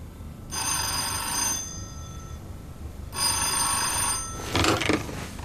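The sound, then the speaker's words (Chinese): An old-style telephone bell rings in two long, bright bursts separated by a pause, a call from Commander Peng (Peng Zong), followed by a brief clatter as the receiver is picked up, with no one speaking. “孙元，彭总电话”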